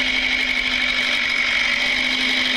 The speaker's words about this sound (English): Yeah, I thought he might have come in with a Knights flag on the tractor. No, he just didn't, a little red tractor.